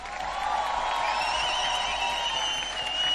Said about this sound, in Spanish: Lujo, aplauso fuerte.